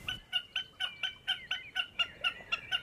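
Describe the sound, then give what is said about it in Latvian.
A common snipe calling in a steady, rapid series of about a dozen sharp, clipped notes, each evenly spaced and fairly clear against a quiet background. “Un lai arī tajā vietā ķikuts varētu dzīvot, tā visticamāk tomēr bija mērkaziņa, kas ir samērā bieži.”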